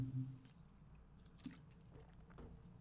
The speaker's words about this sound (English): Of course, just when I was taking a slug of water